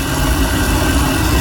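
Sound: electric kettle boiling water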